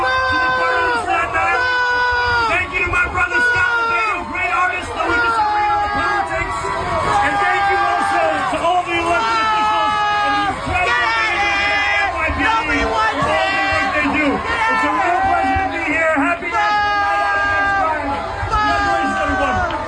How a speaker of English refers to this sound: Even hear what the mayor was saying in his short 1 minute address being booed aggressively and obviously cursed out by the people in Staten Island who had a few choice words to say about the mayor.